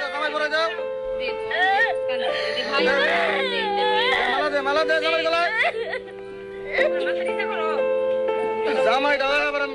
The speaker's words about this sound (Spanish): No entendemos el idioma, pero escuchen los gritos, escuchen.